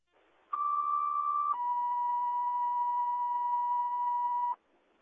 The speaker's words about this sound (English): Subcon Falls Fire, these cancellation tones for Washington County, like that has been canceled.